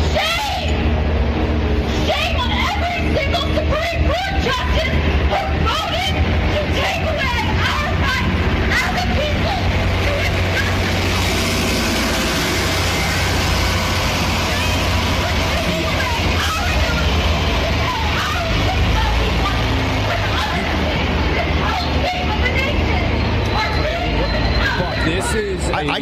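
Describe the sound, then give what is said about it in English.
A woman alone on the sidewalk outside the Virginia Supreme Court building screams and shouts incoherently, yelling "shame" at the building, loud and nearly continuous, over a steady wash of street traffic and general outdoor hubbub. “right now there is a woman screaming incoherently outside the Virginia Supreme Court building.”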